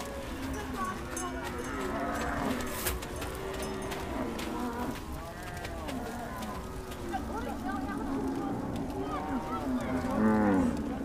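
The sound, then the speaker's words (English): A herd of cattle at a Dinka nomad camp in South Sudan moos and lows steadily, deep overlapping calls rising and falling throughout, with a louder drawn-out moo near the end over a constant murmur of voices and movement. “It drives away the flies and other undesirable insects that are attracted by the cattle.”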